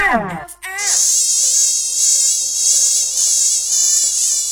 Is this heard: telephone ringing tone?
no